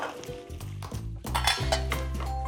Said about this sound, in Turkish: Hemen domatesleri de teker teker ekliyorum ve kızartmaya devam ediyorum. Bu kadar domates yeterli olacak.